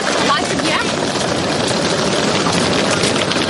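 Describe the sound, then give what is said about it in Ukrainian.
An ordinary train pulls into a platform at Lviv railway station, Ukraine, with a steady, loud mechanical rumble and hiss that holds throughout, while indistinct voices murmur underneath. “На платформу Львівського вокзалу прибуває звичайний потяг.”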